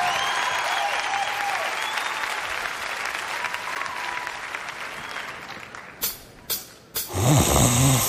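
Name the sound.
snoring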